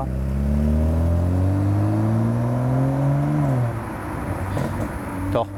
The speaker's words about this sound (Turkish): gaza basıldığı anda araç yine dikkat çekiyor. Sol egzozdan geliyor. Sağda sorun yok gibi.